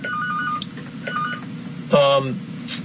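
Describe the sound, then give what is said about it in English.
A telephone rings with short electronic tonal bursts, two moderate rings followed by a louder, sharper one, over a steady low background murmur. “There was a phone ringing here, but I don't know what phone it was.”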